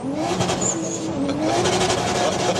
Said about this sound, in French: J'aime beaucoup le bruit de ton moteur. Ah bah ça, tout le monde l'aime bien. Ah, qu'est-ce que ça vrombit, c'est extraordinaire.